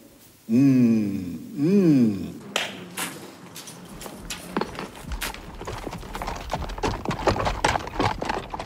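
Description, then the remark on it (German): A horse whinnies twice, then a steady stream of hooves clip-clops on hard ground, the irregular, overlapping strikes suggesting several horses walking together: five Italian horses with their drivers from Tricesimo and Pinzgauer pack horses setting off on a long way through the fields of Friuli. “Die 5 italienischen Pferde mit ihren Säumern aus Tricesimo und die Pinzgauer Sama machten sich auf den weiten Weg.”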